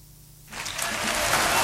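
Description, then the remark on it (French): After a brief quiet moment, a crowd breaks into applause that swells quickly into a dense, steady wash of clapping, growing slightly louder toward the end. “Ah, vous avez le même droit à des applaudissements.”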